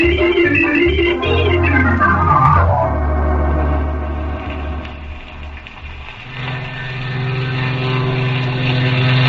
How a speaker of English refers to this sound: Oh, I wonder if that was Uncle Harvey's plane.